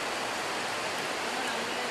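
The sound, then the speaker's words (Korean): A sudden heavy rain shower pours down in a dense, steady hiss, a broad continuous wash with no break in its intensity and no voices over it, during a trip to Berua village and the Stone Forest. “아, 비가 갑자기 너무 많이 옵니다.”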